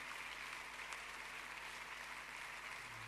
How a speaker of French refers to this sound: Il est digne. Applaudissez Jésus, élevez son nom. Il est digne.